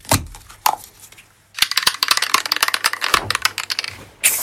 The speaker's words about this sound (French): Une canette de coca ou une spray ? Non, c'est une bombe de graffiti. Ouais. C'est avec ça que vous travaillez quand vous faites ces fresques, que ce soit à Tesa, à Trouillas, à Thuir, à La Roque des Albères ou à Argelès ?